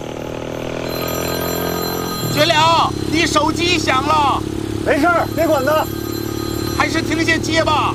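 A mobile phone ringtone starts partway through, sounding in repeated bright, warbling bursts over a steady low engine rumble, fairly close and loud.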